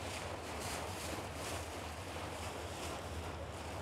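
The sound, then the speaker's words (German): An excursion boat's engine drones steadily on the Elbe after boarding at Krautsand, beneath a continuous wash of water and wind rushing past, with no voices, the whole passage holding an even, unbroken roar. “Deswegen bin ich in Krautsand an Bord gegangen.”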